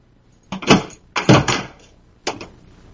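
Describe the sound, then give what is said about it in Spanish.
Someone knocks on the door of a home in three separate bursts spaced about a second apart, each a quick loud rap that rings briefly, with quiet between them and no voices. “Y ahora me llaman a la puerta.”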